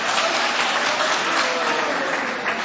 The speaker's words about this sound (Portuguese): Aleluia, glória a Deus, mais forte as palmas para Jesus, irmão, mais forte as palmas para Jesus, ô glória a Deus, aleluia.